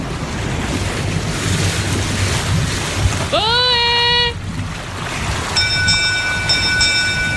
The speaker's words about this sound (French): Dans le lointain, Lauriane Miara, puisque c'est elle, entend un bateau arriver.